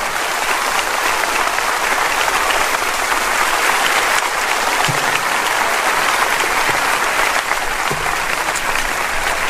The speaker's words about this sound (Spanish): Póngase de pie conmigo si es tan amable y dele un aplauso al Señor cuando usted lo pueda hacer. Gracias, Señor.